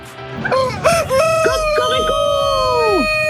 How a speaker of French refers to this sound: Alors écoutez, ça c'est un vrai coq.